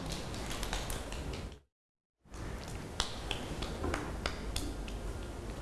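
A group of children clapping together in a dense, uneven patter of sharp claps that carries on steadily, broken once by a brief moment of silence before resuming.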